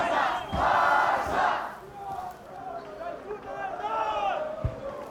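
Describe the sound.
A crowd of protesters shouts loudly together for a couple of seconds at a street demonstration against Alianza Catalana, then the roar drops to a restless mix of scattered voices and cries, with a sharp thump near the end.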